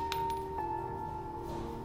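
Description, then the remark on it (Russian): In an empty locker room, a small metal cartridge casing standing on the back of a hand is flicked off and tips over with a few quick, bright clinks, followed by a faint ringing tone that fades over a low steady hum. No one speaks. “Николай смахивает гильзу и с досадой опускает голову.”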